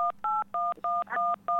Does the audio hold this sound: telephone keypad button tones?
yes